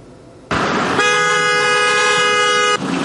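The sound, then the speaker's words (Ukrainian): Several car horns blare together in a loud, sustained honk lasting a couple of seconds during a motorcade in Cherkasy, Ukraine, layered over street noise and passing traffic, with no voices. “Так, під автомобільні сигнали вже традиційно, що неділю у Черкасах відбувається акція «Не мовчи, полон вбиває».”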